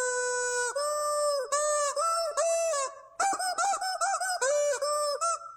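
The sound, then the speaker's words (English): A squeaky rubber chicken toy honks out a song for listeners to guess, a loud run of shrill, nasal squeaks rising and falling in pitch, with only brief breaths of silence between phrases. “We got the squeaky chicken, and we're ready.”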